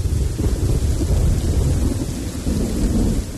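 A steady thunderstorm: low, continuous rumbling thunder rolls beneath dense, hissing rainfall, loud throughout with no voices.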